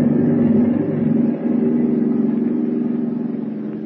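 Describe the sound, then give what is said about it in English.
A submarine's engine rumbles steadily at full speed as the submarine rises swiftly toward the surface, a deep, continuous droning hum that stays loud throughout with no voices over it. “As the submarine planes swiftly toward the surface and freedom”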